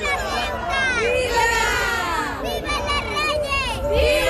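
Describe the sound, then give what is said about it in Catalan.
Hundreds of people at the gates of a school for pupils with autism spectrum disorder cheer and shout together to greet the King and Queen on their visit. Many excited voices overlap in a continuous, loud roar, with some high-pitched calls rising above the din. “A les portes, centenars de persones també els esperaven per a rebre'ls amb vítols i aplaudiments en un dia per al record.”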